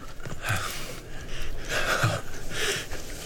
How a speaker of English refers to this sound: You hear his breathing? That rattling sound. It's because his lungs are filling up with fluid.